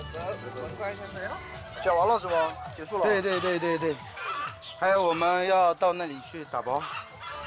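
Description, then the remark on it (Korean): Gwibi hens and roosters on an egg farm cluck and squawk in overlapping bursts, their wavering, nasal calls rising and falling in pitch, fairly loud and busy throughout. “귀비닭은 요즘 개체수를 꾸준히 늘리는 중이어서 암탉과 수탉의 비율을 맞춰 세심하게 관리하는 중입니다.”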